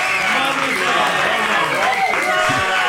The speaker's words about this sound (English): I think they're clapping